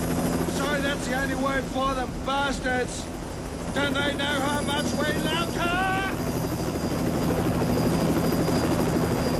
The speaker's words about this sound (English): There's a media chopper hovering over them, trying to film them, chasing them, and they're trying to get away.